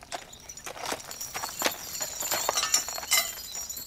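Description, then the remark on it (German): Draft horses' hooves clip-clop in a loose, uneven rhythm of sharp knocks over a steady background hiss, with no talking. “So ist bei den Pferden eigentlich auch.”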